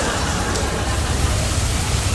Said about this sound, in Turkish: Ama nasıl yağıyor? Bak. Şırıl şırıl. Mükemmel. Böyle yağıyor.